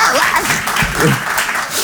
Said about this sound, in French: Oh, applaudissez pas.